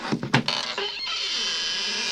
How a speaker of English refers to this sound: Several hours later, Ananias was knocking on Judas' door.